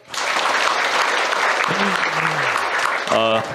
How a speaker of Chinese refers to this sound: 谢谢大家，我们也把掌声送给到场的每一位年轻的和可爱的以及热爱文学的书友们，欢迎各位。